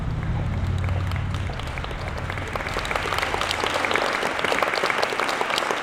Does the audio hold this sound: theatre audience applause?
yes